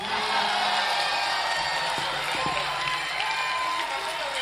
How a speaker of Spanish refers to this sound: ¿Quién ganó esta pelea? A ver, aplauso por los gañanes. ¡Aplauso por los guasos!